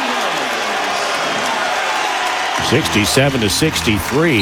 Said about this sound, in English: Dominguez step back three is good. Ooh, all of a sudden the crowd's alive.